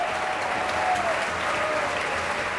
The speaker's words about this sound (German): Anhaltender Applaus jetzt für den Dirigenten und für das Orchester, das sich im Graben erhoben hat.